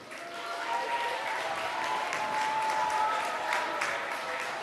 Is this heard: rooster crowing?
no